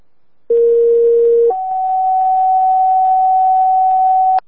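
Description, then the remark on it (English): A fire dispatch pager alert for Pigeon Middlefield Rescue, a double hit: one loud, steady lower tone for about a second, then a higher pure tone held for roughly three seconds before cutting off, with no voices. “Pigeon Middlefield Rescue, double hit.”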